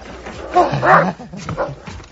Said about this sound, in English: Why the guard dog you got there? Well, we had to do something.